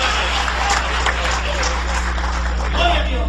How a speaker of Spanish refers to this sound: Dale un aplauso de poder al Espíritu Santo esta noche.